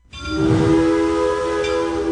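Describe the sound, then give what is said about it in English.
A loud, sustained train whistle blows steadily for about two seconds, its rich harmonic tone continuous with no talking over it. “When you hear that whistle, you know exactly where you are.”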